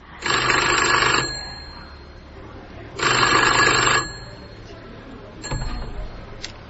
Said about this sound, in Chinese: 啊，对， 这个是1910年 的电话， 1910年 的美国 的 电话， 美国电话。 对，我们给它修复好了。